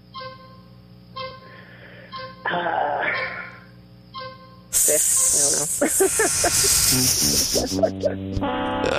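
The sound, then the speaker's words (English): Someone imitates a snake over the phone, letting out a loud, sustained, breathy hiss with a few brief breaks, after several seconds of quieter murmured vocal sounds. “Could you hear me hissing?”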